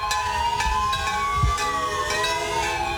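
Sirens wail steadily across the streets of Cali at 7:34 during a tribute one month after an earthquake, their sustained rising and falling tones layered with bells and car horns over a dense background of urban noise, loud and continuous throughout.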